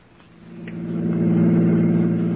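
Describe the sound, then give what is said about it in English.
A car engine rumbles with a steady low drone, swelling louder over a couple of seconds and then holding, with no voices, as a car pulls up at the Taylor Avenue car station. “All right, Maury, pull up here. There's the car station. Right, Captain. We'll leave the car here so Dowling won't see it.”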